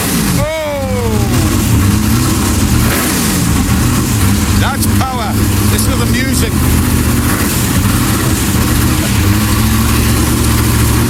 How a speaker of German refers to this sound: aber der Sound von einem 65er Lola T70, davon gibt es auf der Welt nur 15 Stück. Hört euch das mal an, den stellt er mal eben vor. There's no music like this music. I'm just gonna fire this little baby up for you.